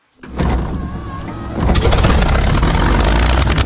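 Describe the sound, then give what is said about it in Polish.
The propeller engine of a Lockheed Vega, a late-1920s plane flown by Amelia Earhart, coughs into life with a rough, rumbling drone, then surges to a louder, dense roar with a rapid pulsing beat that holds steady to the end. “Cóż, na pewno w locie robi dużo hałasu, choć jak na standardy lat 30. najwolniejsza maszyna to nie była.”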